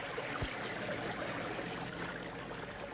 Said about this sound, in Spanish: El nativo aparta las ramas que cubren la rústica embarcación que han dejado oculta en la ribera y la empuja hacia el agua.